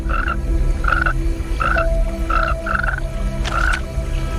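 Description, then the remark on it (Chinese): A giant tree frog croaks in a steady series of short, nasal calls, about six in four seconds, each a bright mid-pitched burst over a constant low hum of the forest night. “这只大番树蛙通过皮肤探测到了空气中的变化，它敏锐的感官发出警报，一场生死搏斗即将开始。”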